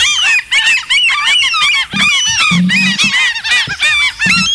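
A flock of white sea gulls at the sea squawking and crying loudly, with dense overlapping calls and no pauses, and no one talking.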